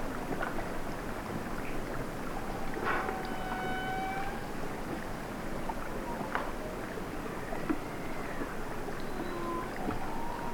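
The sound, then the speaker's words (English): Whales wail underwater in the Arctic, heard through a hydrophone on a live stream: several drawn-out tonal calls, some sliding up or down in pitch and rich in overtones, rise over a constant hissing, rumbling wash of water noise. “Some whales wailing.”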